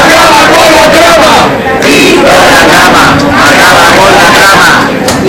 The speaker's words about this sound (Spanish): se conviertan para algunos sectores en una especie de héroes de la lucha contra la corrupción, hasta tal punto que hace justo le han vitoreado en la calle de esta manera.